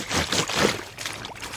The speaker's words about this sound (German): jetzt habe ich ein Geräusch. Da bin ich gespannt, ob das auch eine Erinnerung weckt bei dir. Also Wasserplatschen.